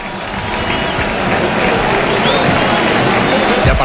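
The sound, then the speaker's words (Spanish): A large stadium crowd in Sevilla applauds Rafinha, scorer of a hat-trick, as he is substituted by Gabriel Jesús during a football match: a dense, continuous wash of clapping and crowd noise that stays loud and steady for the full few seconds, with no single voice standing out. “Es que ahora la gente aplaude a Rafinha, autor de un hat-trick que lleva 9 goles en liga.”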